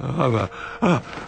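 An unconscious old man gives two strained, voiced gasps, fairly loud, the first longer and the second shorter after a brief pause, like labored breathing with a groaning edge.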